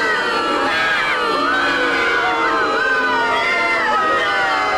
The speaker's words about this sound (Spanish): Sí, me merezco el más grande de sus abucheos, muchos más. El más grande. El más grande de los abucheos me merezco.